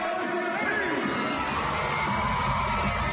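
A rowdy crowd at a Buccaneers versus Flames basketball game cheers and shouts in a dense, continuous roar, with scattered whoops and high-pitched yells rising above the steady wash of noise.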